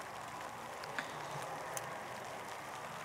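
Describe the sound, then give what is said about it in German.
A soft, steady hiss of light drizzle at a spelt field during harvest, quiet and even throughout, with a couple of faint drop ticks near the start and middle. No voices. “Also laut Regenradar haben wir jetzt noch so eine halbe Stunde so Nieselregen.”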